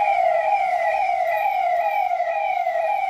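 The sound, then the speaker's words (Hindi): A Dial 112 emergency police car siren wails steadily in repeating rising-and-falling sweeps, loud, with faint road noise underneath and no voices. “Police की इन गाड़ियों को देखकर किसी के भी मन में दो ही ख्याल आएंगे, ख्याल या तो डर का होगा या भरोसे का।”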